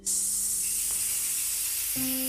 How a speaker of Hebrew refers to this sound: של הגלים הקטנים